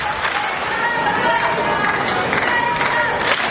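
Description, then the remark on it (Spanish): A tennis crowd on the centre court of the All England Club applauds and cheers without pause during Jannik Sinner's match, a dense wash of clapping mixed with shouting voices such as "let's go, Jannik", holding at a steady, fairly loud level throughout. “Sí, aplausos.”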